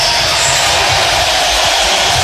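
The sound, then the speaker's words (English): A loud, sustained roar from an arena crowd cheering as Nebraska's starters are announced, greeting player Jamarcus Lawrence's introduction, a dense steady wash of voices and noise with no single speaker standing out, holding for a couple of seconds. “The crowd will greet him with the following.”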